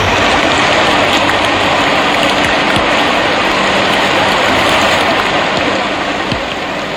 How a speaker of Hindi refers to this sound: एक बार की बात है, रात्रि का समय था, घनघोर वर्षा हो रही थी।